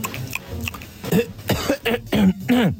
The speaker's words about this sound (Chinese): 那你干嘛咳嗽啊？ 我早上起来不是没喝水吗？渴了，我喝点水就行。